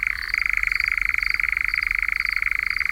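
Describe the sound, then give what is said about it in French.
A nightjar, a nocturnal or twilight bird that hunts insects, gives its churring call: a steady, rapid mechanical trill held at one pitch for several seconds, sounding alone with no voices. “L'engoulevent est un oiseau nocturne ou crépusculaire qui chasse les insectes en ouvrant un large bec, un peu comme une hirondelle, d'où son nom allemand Nachtwalbe, c'est-à-dire hirondelle de nuit.”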